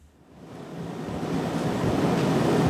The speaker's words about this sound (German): In einem Schulungsraum des Kölner Uniklinikums rattert die Klimaanlage. Die vielen Hochgeschwindigkeitsrechner müssen gekühlt werden.